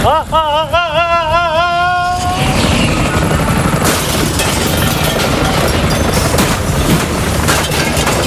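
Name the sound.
helicopter rotor noise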